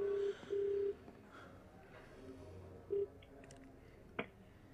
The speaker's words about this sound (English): Okay, let me just call him. Sure, you do so, brother. It's ringing.